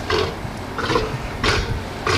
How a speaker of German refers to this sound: Ein patagonischer Seelöwe, eine Mähnenrobbe. Die Robben mit der Löwenmähne, ja, da hätten wir drauf kommen können tatsächlich. Die machen ja putzige Geräusche hier.